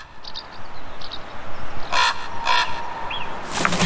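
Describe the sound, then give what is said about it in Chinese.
A carrion crow gives three harsh, raspy caws spaced about half a second apart, loud and coarse, over a steady hiss of background noise with some faint higher chirps early on. “金雕父母还不能只留雏鸟在巢里，杜鸦随时可能前来掠食。”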